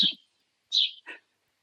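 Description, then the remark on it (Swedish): A few short, bright bird chirps ring out outdoors with brief silences between them, fairly clear, with no one talking. “Som otroligt vackert kvitter i bakgrunden.”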